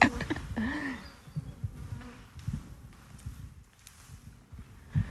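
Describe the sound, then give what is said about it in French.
Calm, non-aggressive honeybees buzz around a hive in a dense droning hum that swells and fades as individual insects pass by, with a few faint knocks in the background. “Bon, en tout cas, elles sont pas agressives, ces abeilles.”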